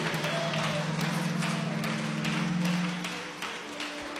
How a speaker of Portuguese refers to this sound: E a igreja diz: recebamos a serva do Senhor com palmas para Jesus.